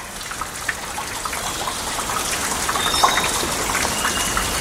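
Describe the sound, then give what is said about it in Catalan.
A dense, steady patter of condensed water drops, leaves and fruits discarded by foraging birds falling from the tree canopies in November, scattered soft taps merging into a continuous shower-like hiss, moderately loud, with no voices. “De les copes dels arbres cau una estranya pluja que és una combinació de fulles i gotes d'aigua condensada i també fruits descartats dels ocells que busquen aliment.”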